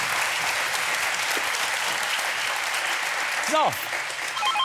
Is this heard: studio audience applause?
yes